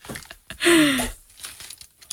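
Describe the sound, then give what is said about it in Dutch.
A cork squeaks as it is twisted out of a bottle of white wine, a short descending creak with a rough scraping texture, followed by faint rustling and handling noise. “Wel het mooiste geluid van de dag gelijk. Kijk je, nu kijk je meteen naar de kurk en je ruikt aan de kurk.”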